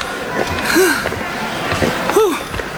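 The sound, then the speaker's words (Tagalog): Heavy, breathless panting, with two strained, voiced gasps rising and falling in pitch between rough breaths, from a person winded after running to a cinema. “Hinihingal ka agad, oh.”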